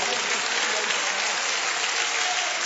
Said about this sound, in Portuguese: E você vai aplaudir ao Senhor com muita alegria.